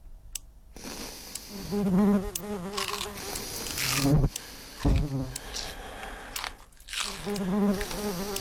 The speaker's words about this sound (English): Whether it's the tick of a clock, the sniff of a runny nose, that annoying mosquito that you can hear, or incessant heavy mouth breathing over the other end of the phone, any one of those sounds can be annoying on its own.